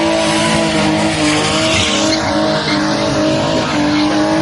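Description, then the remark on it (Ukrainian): A drifting car roars steadily, its engine loud and sustained while tires skid and squeal continuously for the full few seconds, with no voices; a Ukrainian military team's car showing what it can do on the track at drift competitions. “Військові розповідають, цього року вони лише спостерігають за змаганнями з дрифту та показують, на що здатна машина на треку.”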